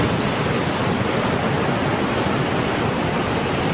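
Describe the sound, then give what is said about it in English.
A steady, dense rush of an ocean waves or rain sound effect, of the kind people listen to in order to go to sleep at night, loud and unchanging throughout with no distinct breaks or individual drops, with no voices. “Number two is like ocean waves or rain sound effects.”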